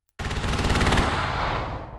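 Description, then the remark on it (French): Heavy artillery fire, shells launched over the sea and lighting up the black night sky during the Taiwanese army's Han Kuang military exercise on Kinmen, Taiwan, erupts abruptly and continues as a loud, dense barrage of rapid booming shots, sustained without pause and slowly fading toward the end, with no voices. “Au-dessus de la mer, des obus illuminent le ciel noir. Le bruit est assourdissant.”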